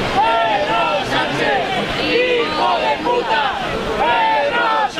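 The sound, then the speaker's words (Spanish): A large crowd shouts and chants in overlapping waves of voices, with booing mixed in, directed at the President of the Government of Spain, loud and steady for the whole stretch with no break in the noise. “Son las lindezas, los cánticos, los abucheos al presidente del gobierno, de los que se autoperciben como muy patriotas, que han decidido que tienen a bien lanzar estos cánticos contra la persona que representa a la presidencia del gobierno de España”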